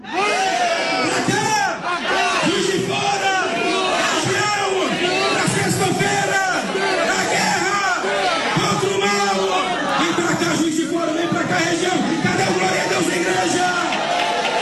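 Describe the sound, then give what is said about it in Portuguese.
A large crowd at a morning church gathering shouts "vem!" in loud, sustained unison, inviting everyone to come to Juiz de Fora on Friday, voices rising and overlapping in rhythmic bursts of calling and cheering for the whole stretch. “E esse multidão quer convidar todos para vir para cá sexta-feira dizendo: vem!”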